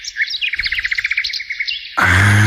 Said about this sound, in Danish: Som har optaget en fugl i egen have.